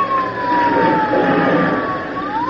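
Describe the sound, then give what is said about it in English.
An airplane engine being started, already warm, roars loudly and steadily, a high whining tone sliding slowly down in pitch over the dense rumble before rising again at the end. “Let me get this crate started.”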